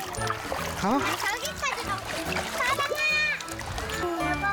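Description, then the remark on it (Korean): Children shout and squeal excitedly while playing in a valley stream on a family outing, water splashing continuously around them, with bursts of playful splatter mixed under their high-pitched voices and laughter. “먼저 과일은 물속 천연 냉장고에 담가 넣고 본격적인 물놀이를 시작합니다.”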